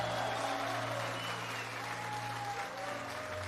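An audience at a Spanish-language concert applauds steadily for a few seconds to welcome the band's pianist as he is introduced, a dense, even patter of clapping hands with a faint sustained tone underneath and no talking.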